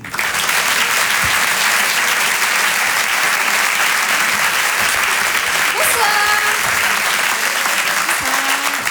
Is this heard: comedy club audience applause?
yes